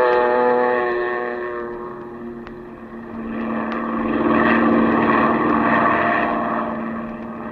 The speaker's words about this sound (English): Then you wade out to the plane, and a few minutes later, you're skimming across the bay, headed toward the Gulf.